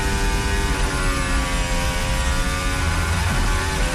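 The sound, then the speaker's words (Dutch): A loud, steady high-revving Formula 1 engine of Verstappen's car during Q3 qualifying, a dense whining buzz of stacked harmonics, its pitch dipping and shifting near the end as the car goes by, with no voices. “Om het geluid van Verstappen.”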